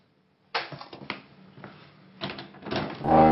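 The door of a home is opened to a stranger who says he is the landlord: a sharp latch click, a few rattling knocks and thuds, then a rising scrape and clatter as it swings open, with no voices.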